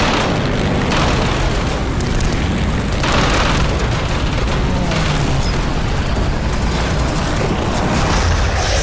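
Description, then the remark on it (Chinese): A Japanese enemy aircraft, shot down, crashing and exploding: a loud, dense roar of heavy booming and crackling bursts that rolls on without a break for the whole stretch, with no voices. “小鬼子的飞机掉下去了。”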